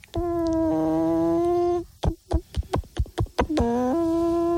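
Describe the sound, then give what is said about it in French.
A voice imitates a hen: a long held nasal note, then a quick run of about eight sharp clucks, ending in another drawn-out cry that drops in pitch. No one talks. “La poule, je peux vous faire la poule.”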